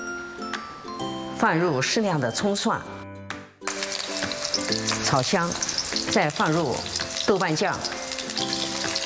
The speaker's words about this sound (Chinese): 开火热锅呀。 好，我们倒入适量的油，放入适量的葱蒜，炒香，再放入豆瓣酱，继续翻炒，关火。